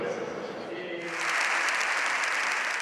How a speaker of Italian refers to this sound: 8 minuti di applauso, prima volta di un Papa al Parlamento di Madrid per parlare di difesa della vita dal concepimento alla fine naturale, di famiglia, di libertà di scelta dei genitori per l'istruzione dei figli, ma soprattutto di pace.